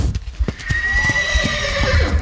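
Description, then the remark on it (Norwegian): A fjord horse, Norway's national horse breed, lets out one long, high, wavering neigh lasting over a second, with scattered dull thuds like hoof clops before and around it. No one speaks. “En fjordhest, det en av de mest fantastiske skapningene på vår jord, vil jeg tørre å passe.”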